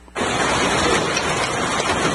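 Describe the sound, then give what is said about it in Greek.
Heavy hail pounds down during a summer thunderstorm at Parnitha in northwestern Attica, Greece, a steady, dense, loud roar of countless impacts, starting abruptly and continuing without a break. No voices are heard. “Σπονδρό χαλάζι πλήττει τα βορειοδυτικά της Αττικής.”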